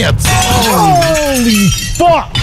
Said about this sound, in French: Bah, c'est ce qui est arrivé à ce python qui a pété un plomb, qui a voulu se sauver de son vivarium. Eh ben, il s'est sauvé de son vivarium, il a pété la vitre et l'américain était là.